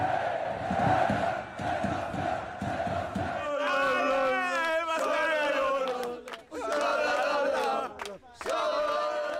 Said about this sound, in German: Ein historischer Tag, bei dem das Stadion ausrastet und der Instagram-Kanal der SVE explodiert.